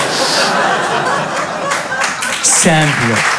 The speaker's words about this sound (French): Applaudissez tous ensemble. Mettez-vous d'accord, les amis, vraiment.